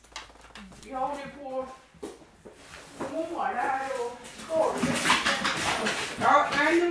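The dog Simba, which lives in a large older wooden house in northern Småland, Sweden, whimpers and whines in several wavering, high-pitched cries, with a few sharper bark-like yelps, over a rising hiss of background noise in the second half.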